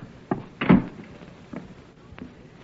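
A door swings shut with a solid thump, surrounded by a few lighter knocks and clicks from the handle and frame. No one speaks.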